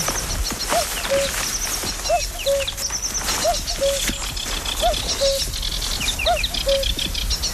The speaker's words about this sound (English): There's a total chorus of birds here, and the peace and quiet of the birds, particularly the spring. Lovely.